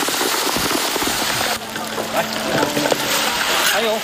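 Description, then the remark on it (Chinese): Chunks of boiled pork belly are dropped into hot, long-boiled sugar syrup for a sweet, unsalted pork dish, with a loud, steady hiss and dense crackling spatter that carries on throughout, while faint voices murmur briefly beneath the frying noise. “哦，下锅了，下锅了。”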